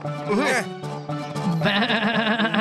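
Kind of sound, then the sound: animal, goat bleating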